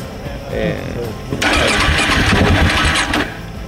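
A KTM motorcycle's starter cranks loudly for about two seconds, a rapid churning whir as the engine tries to turn over without catching, following a few moments of indistinct voice; the bike, on a trip from Mérida toward the sea, is giving trouble again despite maintenance.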